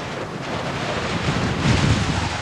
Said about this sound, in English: Her belief gave her comfort that she wished she could fully share, even as the wind bore down more viciously upon them.